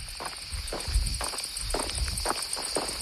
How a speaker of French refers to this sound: Alors, on aime bien entendre les cigales et les pas